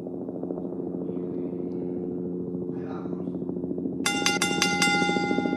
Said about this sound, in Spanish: Mira, que te pongo el helicóptero, ¿eh?